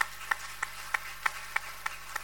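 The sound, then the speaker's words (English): Steady, even clapping from the Victory Congregation of the Presbyterian Church of Ghana, welcoming people who stand up, about eight sharp claps in an unbroken rhythm, fairly soft, with no talking. “The more we clap, the more they get a confidence to stand up.”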